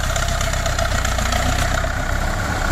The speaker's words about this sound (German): Und die Traktoren-Fans wissen schon, um welchen es sich handelt. Das ist doch ein MTS. Ein 50er. Ein Russe. Rot. Ja, ganz genau. Denn dieser rollt aus dem Saalekreis Richtung Österreich.